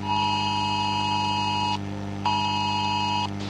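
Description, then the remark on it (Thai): A loud, steady electronic emergency alert tone from a phone, with a harsh buzzing quality, sounds in two long bursts of about a second and a half each, separated by a short pause, over a constant low hum. The alert warns of continuous heavy rain in the area and of flash flooding. “ป้าครับพ่อแจ้งเตือนแล้วเขาบอกว่าฝนตกนักต่อเนื่องในพื้นที่ผักตายให้เตรียมพร้อมรับมือตกกระพริบน้ำท่วมฉับพลันแต่น้ำป้าไหลหลาก”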